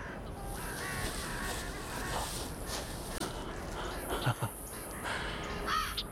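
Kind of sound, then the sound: bird, carrion crow cawing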